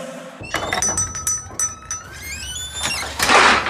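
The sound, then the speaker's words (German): A kitchen drawer slides with a squealing metallic glide, rattling clinks and a couple of dull thunks, ending in a louder rush of noise; no one speaks. “Ah, jetzt hat der Stationer in die Küche-Schublade sei End.”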